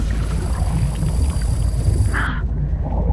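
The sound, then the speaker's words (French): The motor of a large tuna-fishing boat on the open sea drones continuously with a deep, steady, loud rumble, a constant low throb and hiss, plus a brief higher whine near the end. “On dirait le son d'un moteur d'un gros bateau.”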